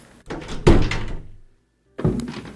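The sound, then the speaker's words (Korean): A door creaks open with a couple of heavy wooden thuds, fairly loud, as a girl in shabby clothes enters, then falls silent before another bump sounds at the end. “문이 삐걱 열리며 허름한 옷을 입은 한 소녀가 얼굴을 반쯤 가린 채 들어선다.”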